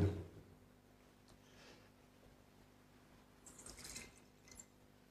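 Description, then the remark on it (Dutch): A small amount of water is poured into the wine in a chalice, giving two faint, brief trickling splashes amid quiet, with no talking. “Water en wijn worden één.”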